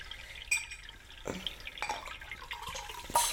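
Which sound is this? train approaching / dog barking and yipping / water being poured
water being poured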